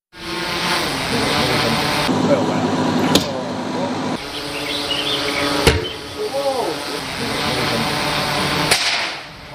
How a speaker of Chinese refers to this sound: 随着三声清脆的响声，金属利剑从高空落下，将三种不同材质的物品全部贯穿，在场人员无不为之心头一震。